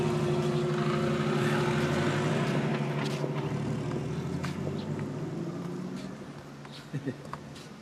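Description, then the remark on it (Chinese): A steady, low engine drone from an airship, with layered humming tones that hold strong before slowly fading, and a couple of brief knocks near the end. “这不是飞机，啊，这是飞艇。”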